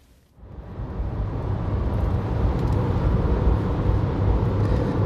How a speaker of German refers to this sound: Das Fahren von über 100 Kilometern von Steinbach nach Winkler zieht sich sehr lange hin. Wenig Verkehr, riesige Felder, fruchtbare Erde, dunkler Boden.